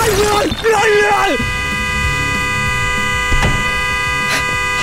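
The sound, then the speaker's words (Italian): A car horn blares in one long, steady honk that holds for several seconds, loud, set off by a person's head pressing on the horn inside the car, while a voice talks over its opening moments. “Scusi, sposto la testa che fa rumore con lo clacson, che c'è la gente che dorme.”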